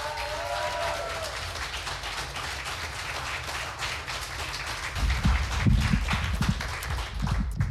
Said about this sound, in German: Sie wird eröffnet von einem jungen Mann aus Wien. Heißt ihn bitte herzlich mit einem 10-Punkte-Applaus hier vorne willkommen.